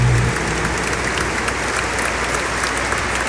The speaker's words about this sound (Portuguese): Uma salva de palmas mais forte, mais bonito.